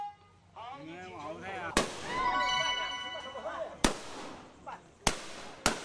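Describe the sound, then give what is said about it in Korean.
Four loud, sharp gunshots crack out at irregular intervals at a ceremony welcoming tourists in Basha, a Miao village of hunters. Between the shots, voices and a ringing, crowded background fill the space. “귀가 얼얼할 정도로 총소리가 이어지는데요.”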